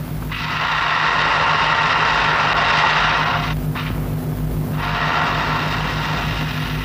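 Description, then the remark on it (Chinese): A child's small wind-up toy car motor whirs steadily and loudly, a buzzing mechanical drone that cuts out briefly, then resumes. A low steady hum sits underneath. “哟，你这汽车真漂亮哎。 给叔叔看看吧。 好不好，来， 给 咱们来试试。”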